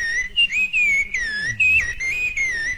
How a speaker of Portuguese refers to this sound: Que lindinha, sabiá!